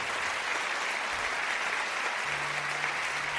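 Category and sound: crowd, audience applauding loudly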